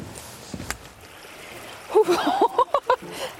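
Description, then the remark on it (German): Feet splash through the cold water of the Bode river after a hiking day in a quick run of five or six sloshing steps, with a faint gasping voice and a soft water trickle in the background. “Und noch besser, vielleicht wenn man sie irgendwie in kaltes Wasser oder so packen kann, ein bisschen zum Schonen.”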